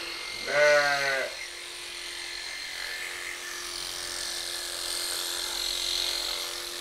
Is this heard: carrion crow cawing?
no